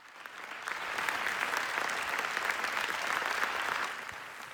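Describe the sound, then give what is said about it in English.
Sustained audience ovation at the premiere screening of a documentary at the Venice Film Festival, applauding its directors Yuval Ebrahim and Rachel Zohar; a dense wash of many hands clapping that swells in the first second, holds steady and loud, then eases slightly near the end, with no voices standing out. “Well, the audience clapped continuously for Yuval Ebrahim and Rachel Zohar after the screening on Thursday.”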